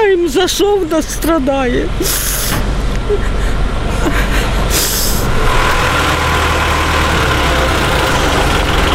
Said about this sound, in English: Fireman winched her mangled car off the street.